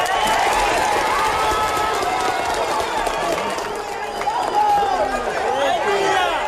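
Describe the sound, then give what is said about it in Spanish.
A crowd at an earthquake rescue site cheers and claps loudly and continuously as a survivor is saved from the rubble, with many voices shouting and calling out over a dense wash of applause for several seconds. “A cada vida salvada le suceden aplausos y vítores 40 horas después de un terremoto devastador”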